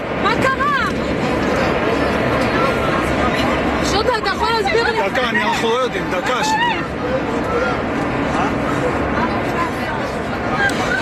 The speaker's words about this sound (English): Well, the panic on board could be heard in videos filmed by passengers.